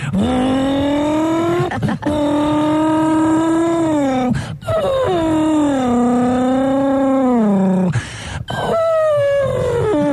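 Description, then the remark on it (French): A person vocally imitates a race car engine with a sustained, high, buzzing drone that rises and falls in pitch, broken by a few brief breaths over about ten seconds, loud. “Et puis travailler aussi, comme j'aimais bien faire le bruit de la voiture de course aussi.”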